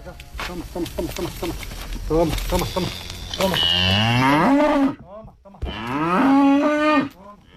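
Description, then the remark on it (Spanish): Cows moo loudly on a farm pasture in Carcaboso where cows and horses graze: a series of short lowing calls, then two long drawn-out moos with a brief pause between them, outdoors. “visitando la finca donde pastan sus vacas y sus caballos,”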